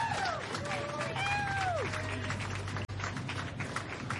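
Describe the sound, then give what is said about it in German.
A festival crowd claps steadily throughout, a dense wash of many hands, with a few sliding whistles and cheers rising over it in the first couple of seconds. “Großen Applaus!”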